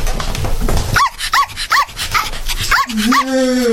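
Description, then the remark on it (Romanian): A small female dog gives a quick series of high, sharp yips, about five in all, then slides into a thin, drawn-out whimper at the end, after a brief stretch of rustling noise. “Adu cățelușa încoace.”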